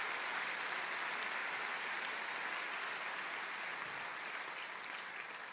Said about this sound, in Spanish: La Iglesia Cristiana Filadelfia, Jesucristo vive, les da un caluroso aplauso de bienvenida a todos ustedes.